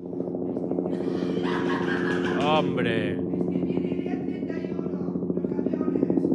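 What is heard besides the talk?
helicopter sound effect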